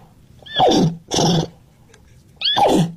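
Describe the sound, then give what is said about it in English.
Someone imitates a horse neighing: three loud whinnying bursts, each sliding down in pitch, with short pauses between and no talking. “Can you teach us some neigh?”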